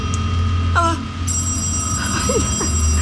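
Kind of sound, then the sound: household object, telephone bell ringing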